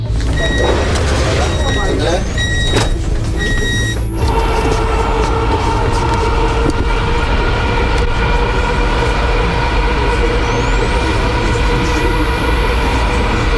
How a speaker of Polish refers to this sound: Przed nami pierwszy przejazd, można powiedzieć, z pasażerami. Państwo będą pierwszymi pasażerami, chociaż pociągi testowe jeżdżą już od około 2 tygodni.